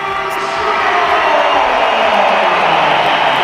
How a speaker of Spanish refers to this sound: Bueno, primera vez que entra en muchos meses en el Santiago Bernabéu como suplente. Sí, más aplausos que pitos, hay pitos también.